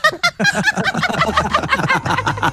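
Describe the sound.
Someone mimics a rooster with their voice, loud, a choppy run of strained, cackling calls that tumble rapidly into one another for a couple of seconds.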